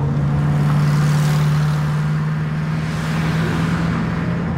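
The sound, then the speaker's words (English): Cars rush past on a busy city street along Central Avenue in Phoenix, a loud continuous roar of traffic with a steady low engine hum running underneath and no voices. “Cars are rushing by, and a new section of the light rail is not shy about its arrival.”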